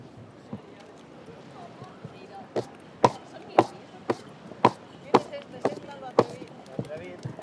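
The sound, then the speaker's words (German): Horse hooves clip-clop in a steady, even rhythm on hard ground during the horse procession of the Fiesta de San Juan through the town of Fornells, distinct, with a low murmur of crowd noise underneath. “Mit dem Eselreiter beginnt der erste Teil, die Prozession durch den ganzen Ort. Er holt alle anderen Reiter ab.”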